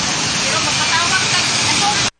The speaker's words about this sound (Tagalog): Kuyawa no? O sa manin, isuyop og tubig ni sa dagat. Buhawi sa Lapu-Lapu. Buhawi sa Lapu-Lapu.